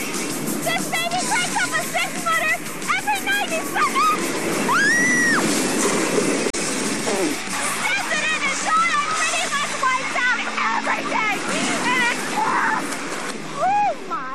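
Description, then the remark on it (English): Continuous rushing, splashing water fills the scene as waves surge in the large inland wave pool of Typhoon Lagoon water park at Walt Disney World, with a crowd of people shouting and squealing excitedly throughout, loud. “Typhoon Lagoon is home to one of the largest inland wave pools in existence.”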